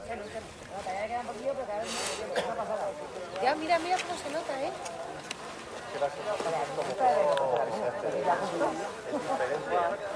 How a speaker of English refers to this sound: He's looking at, well, hopefully not directly at it, but we can hear crowds in the background.